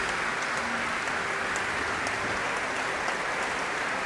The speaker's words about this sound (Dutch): En daar klinkt het applaus voor de koorleden.